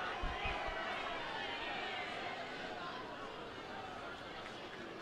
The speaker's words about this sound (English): 1-0 pitch is taken for a called strike. crowd's still going nuts because I think they still want t-shirts or something thrown to them.